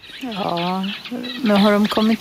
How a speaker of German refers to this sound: rauschen die Wellen, Möwen schreien im Wind.